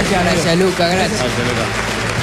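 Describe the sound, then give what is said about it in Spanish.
Steady, dense applause from a crowd fills the whole stretch, loud, with voices talking and calling out over it. “Fuerte el aplauso”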